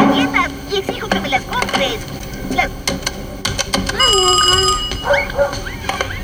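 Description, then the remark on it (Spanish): A telephone is dialed at a bar in Williams, Arizona, with a quick run of clicks, then a steady electronic ring sounds for about a second, with voices and background noise around it. “¿puedo usar el teléfono?”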